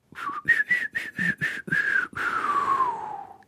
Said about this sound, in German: Wenn wir die ganze Zeit so weiter pfeifen, kriegen wir heute keine Frage und keine Antwort raus.